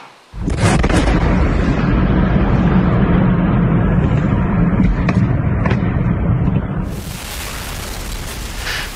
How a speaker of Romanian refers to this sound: Iar lovitura a declanșat o explozie uriașă. Focul s-a extins la clădirile din jur.